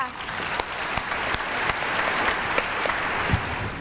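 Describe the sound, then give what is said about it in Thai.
A crowd at a spelling contest claps steadily and densely for nearly four seconds to cheer on contestant number 7, a continuous wash of hand claps with scattered sharper smacks and faint voices cheering underneath. “ใครจะเป็นคนต่อไปเนาะหมายเลขมาค่ะคนต่อไปก็คือหมายเลขเชียร์เพื่อนด้วยหมายเลข7ค่ะ”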